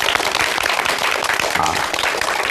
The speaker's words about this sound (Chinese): 再次用热烈的掌声欢迎姚教授。